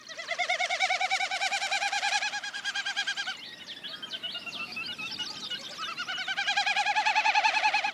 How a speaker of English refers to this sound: And a Wilson snipe.